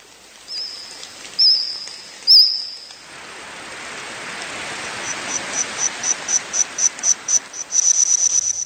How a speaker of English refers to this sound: Insects chirping, trilling and squawking there, making up the soundtrack of a new Steven Spielberg series called The Dinosaurs.